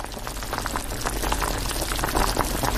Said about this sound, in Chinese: 鸡块下锅翻炒，香气渐浓，等到一定时间加水炖煮，香味更浓。